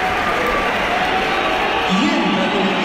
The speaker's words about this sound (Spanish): Pues... Pitada. Así me gusta, macho. Uf. Ese es mi Bernabéu. Una buena pitada de Mbappé.